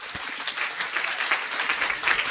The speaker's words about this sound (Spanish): Con el aplauso de ustedes.